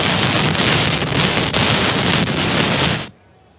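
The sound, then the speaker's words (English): A loud, steady hiss and crackle of rain noise, picked up by a microphone during a rain delay at a baseball game, fills the mic for about three seconds, then cuts off abruptly into near silence. No one speaks. “Apparently some of that rain delay got in the mic.”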